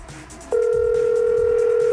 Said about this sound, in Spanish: Ahí está repicando. Estoy llamando al secretario de tránsito para que vean.